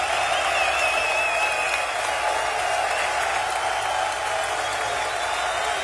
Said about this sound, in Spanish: Ese aplauso a Shaddai.